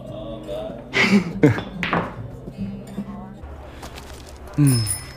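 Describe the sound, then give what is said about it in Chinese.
Glasses clink together in a toast near the end, a short bright ring that follows a stretch of voices and room noise. “今天呢，为你顺利留京，我们庆祝一下，干一杯，来。 不，我们为此刻干杯，此心安处是吾家。”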